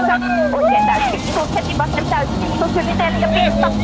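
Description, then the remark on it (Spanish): A loud rally car engine drones steadily, heard from onboard Esapekka Lappi's car, its pitch rising and falling as it revs, with voices talking over the constant mechanical roar. “ahora estamos arriba del auto de Esapeca Lapi junto a …, que era la navegante”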